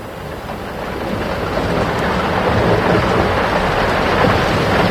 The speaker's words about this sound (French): Le ciel s'obscurcit soudain. L'orage n'est pas loin. Allons vite nous mettre à l'abri. J'ai peur de l'orage. Il ne faut pas, mon enfant. L'orage est aussi une des voix de la nature.